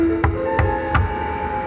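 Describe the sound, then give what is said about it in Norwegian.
Three evenly spaced knocks on a door, each a solid, moderately loud thud, over a faint steady hum with no voices. “Plutselig banket det på døren.”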